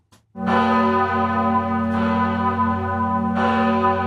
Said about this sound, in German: Einmal im Jahr läutet die große Glocke der Pfarrkirche in Appenzell schon um 4:30 Uhr morgens. Sie erinnert die Bevölkerung an eine Schlacht, bei der eine kleine Truppe von Appenzellern ein 3-mal größeres Heer von Habsburgern vernichtend schlug.